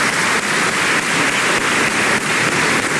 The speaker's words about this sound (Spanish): Le damos un aplauso también al presidente Piñera, en paz descanse.